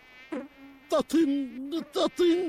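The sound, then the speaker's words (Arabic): A nasal, whining mosquito-like buzz rises and dips in several fairly loud bursts separated by breathy noises. It sounds like a voice imitating the insect rather than a real one. “ودخلت بعوضة إلى رأسي تطن طوال اليوم.”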